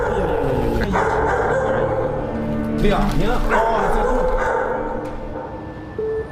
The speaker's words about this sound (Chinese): 我们实际到了这一住户的阳面之后呢，发现一间卧室内的确被改造成了养犬的这种类似于犬舍的形式。 除了犬吠声，房间内没有任何其他回应。